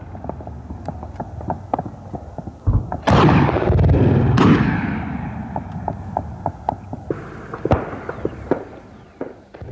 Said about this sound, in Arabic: وثقت مقاطع مصورة لحظات إطلاق القوات المسلحة اليمنية قذائف مدفعية ونيران الرشاشات صوب مواقع وتجمعات لعناصر جماعة الحوثي.